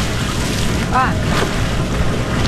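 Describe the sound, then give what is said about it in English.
A rowing scull glides through the water of the Cuyahoga River with a steady rushing wash and light wind noise, a brief high chirping tone cutting in near the middle. “Sculling on the Cuyahoga River.”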